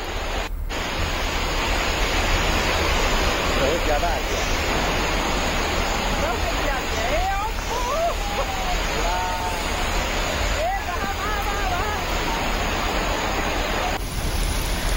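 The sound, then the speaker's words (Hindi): A loud, unbroken roar of heavy rain and rushing floodwater in Kolkata, India, strong enough to sweep away bikes parked in a parking area, fills the whole recording, steady, with faint voices calling out beneath the torrent. “यहाँ इतनी बारिश हुई कि पार्किंग में खड़ी कुछ बाइक तिनकों की तरह बहने लगी।”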